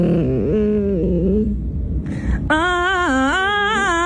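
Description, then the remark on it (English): A dog's whiny, grumbling tantrum noises waver up and down in a sing-song pattern, followed after a short pause by a higher, louder human voice of its owner, a TikToker, mimicking them as a catchy melody in a 'Songify' video. “Her dog's tantrums and sound effects turned it into a catchy melody.”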